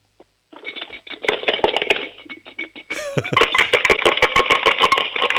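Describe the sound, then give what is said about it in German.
Coins rattling inside a piggy bank as an 8-year-old girl from Upper Austria shakes it, a loud, dense metallic clatter in quick rhythmic bursts with a brief pause midway, then faster shaking to the end. “Dann hol mal die Sparbüchse und schüttel sie mal. Ich möchte alle Münzen da drinnen hören.”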